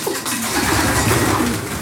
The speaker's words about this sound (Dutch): En de duiven die nu stug blijven zitten, zijn die echt aan het broeden, denk je? Die wel zo te zien, hè?